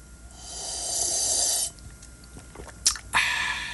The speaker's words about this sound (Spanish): Me estoy echando un café. ¡Qué cafezazo! ¿Ya me queda poquito? Déjame aviento un sorbete para que escuche que me lo estoy acabando.